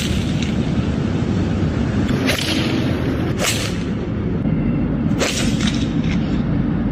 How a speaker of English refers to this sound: A couple of guys in Los Angeles thought it would be funny to hit golf balls into traffic and buildings downtown. The internet has tracked them down, but it's unclear if the police will go after them. Here they are, smacking the golf balls.